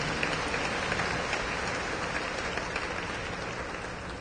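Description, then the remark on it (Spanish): A steady wash of crowd applause for the children's parents at a church ceremony, many hands clapping at once in a dense, even patter that holds at a constant level for several seconds with no voices over it. “Fuertes aplausos también para los papás.”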